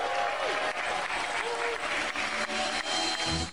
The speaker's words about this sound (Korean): 삼성전자 언팩의 주인공 갤럭시 Z 폴드 8이 영국 런던에서 베일을 벗자 환호가 터져나옵니다.